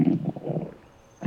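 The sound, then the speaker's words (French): A hungry stomach, that of the story character Toudou, gurgles and rumbles in low, bubbling bursts, goes briefly quiet, then rumbles again at the end. “C'est le ventre de Toudou qui fait ce gargouillis.”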